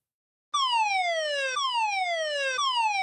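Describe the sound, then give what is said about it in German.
A loud civil defense warning siren sounding on Germany's nationwide warning day wails on its own, its harmonic tone sliding downward and restarting roughly once a second in a steady repeating cycle, unbroken. “An einigen Orten kam dann auch noch Sirenengeheul dazu.”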